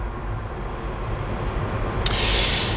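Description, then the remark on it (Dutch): A steady low rumble of a Paris Metro line 5 train moving through Porte de Pantin station, with a brief bright hiss or squeal rising near the end; no voices. “Dichtbij de metrohalte, Porte de Pantin, lijn 5.”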